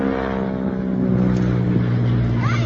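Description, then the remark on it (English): A small propeller airplane from the Aviation Museum drones overhead in a flyover, its engine a steady, loud, buzzing hum with layered low tones that hold throughout, shifting slightly in pitch toward the end. No one speaks. “But yeah, I thought that flyover was pretty cool the other night when they did that.”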